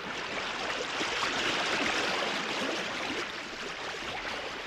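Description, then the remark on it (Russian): Rising floodwater flows and churns steadily, a dense, continuous rushing wash that stays loud throughout with no pauses and no voices. “Вода все прибывает.”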